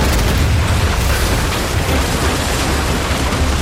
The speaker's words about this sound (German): Mit Kanonen auf die gegnerischen Schiffe schießen, den Kahn durch die raue See steuern, lieb ich